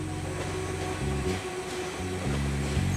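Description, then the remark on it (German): A train's diesel engine drones steadily, its low rumbling pitch shifting in distinct steps as the train shunts back and forth twice on a double switchback, with no one speaking. “Zweimal muss der Zug hin und her rangieren, um weiterfahren zu können.”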